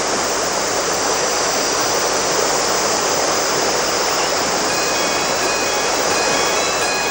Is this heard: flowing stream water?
yes